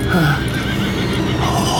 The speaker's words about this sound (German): Eine Kutsche! Sie kommt! Sie kommt! Herrschte uns bei! Gezogen von pechschwarzen Rössern!